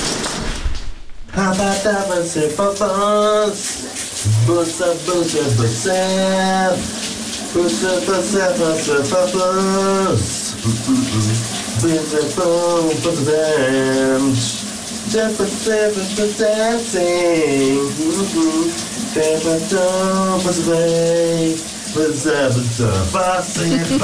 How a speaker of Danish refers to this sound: Han synger altså en ikonisk sang i dag i bruseren